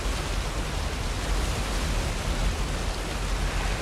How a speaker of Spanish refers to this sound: Una cascada cae por una pared de roca. La cascada alimenta un gran estanque.